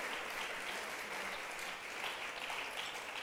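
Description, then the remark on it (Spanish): A church audience claps for God Almighty, a dense, even wash of many hands for about three seconds, with no pause or voice breaking through. “¿Cuántos le damos un aplauso a nuestro Dios Todopoderoso?”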